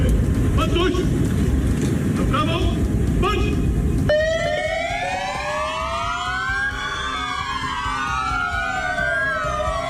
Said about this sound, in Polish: Oddajemy hołd sierżantowi Natanowi Sieroniowi, który oddał życie służąc Polsce. Włączamy sygnały świetlne, dźwiękowe naszych radiowozów, stajemy w postawie zasadniczej i salutujemy, oddając cześć poległemu policjantowi.